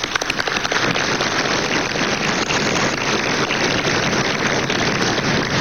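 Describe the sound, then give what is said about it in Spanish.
An audience claps steadily for several seconds during a session of the National Assembly, a dense, even patter of many hands that holds at a constant level from start to finish, with no voices heard over it. “Algunos no aplauden con el suficiente entusiasmo y los entiendo, pero igual gracias.”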